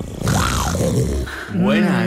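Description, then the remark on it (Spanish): A person imitates a roar with their voice: a loud, rough, growling cry lasting about two seconds, rising and falling, with a brief dip before a second strained surge. “Bueno, lo vamos a ver el rugido. Te ha quedado muy bien.”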